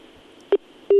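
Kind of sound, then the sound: signal or alarm, dropped phone call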